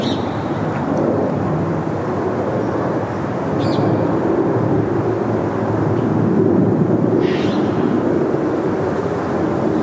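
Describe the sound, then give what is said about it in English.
A steady, broad roar of a plane passing overhead, heard from directly beneath its flight path, fills the whole stretch, loud and continuous with a deep rumbling body and a slight swell toward the end; no one speaks. “This plane to go over.”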